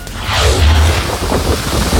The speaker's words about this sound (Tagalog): Hindi lang malakas na ulan, kulog at kidlat ang gumambala sa maraming lugar sa Metro Manila nitong linggo ng gabi. Winasiwas din ito ng malalakas na hangin.